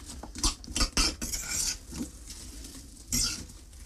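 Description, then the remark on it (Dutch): Irregular clinks and scrapes of a utensil against a pan as apples are spread open in the pan over somewhat higher heat to stew. Soft shuffling and a sizzle-like hiss come between sharper knocks. No one speaks. “Dus ik doe al die appeltjes open in de pan.”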